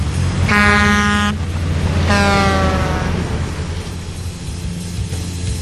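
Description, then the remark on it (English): Two loud, blaring truck air horn blasts, the second sagging slightly in pitch, ring out over a constant heavy engine rumble that continues after they stop. “Hopefully that's Optimus going to find us a Pro Bowl site on that one.”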